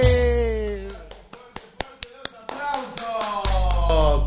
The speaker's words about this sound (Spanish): Cumbia colombiana. Y las palmas, los aplausos, che.